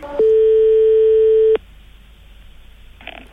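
A single steady telephone line tone sounds loudly for about a second and a half as a call is placed to a proctologist's office, then cuts off abruptly, leaving a quiet hiss and a faint brief rustle.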